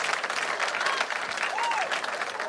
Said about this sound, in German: Es sind immer noch Leute da. Ich möchte gern so, nee, jetzt kein Jubel mehr, so ein, wie soll ich sagen, so einen abendlichen Applaus, sowas kulturell Schönes.